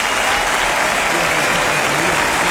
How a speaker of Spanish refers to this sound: Fuerte aplauso a Canobra en el sonido. Fuerte aplauso acá.